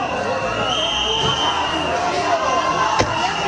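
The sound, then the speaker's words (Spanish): A crowd in Ceuta jeers and boos a government minister without letup, with sustained shrill whistling over the dense roar of voices and a sharp bang near the end. “Pero tengo que decirte que el ministro ha hecho estas declaraciones desde Ceuta, donde ha sido recibido con abucheos como estos.”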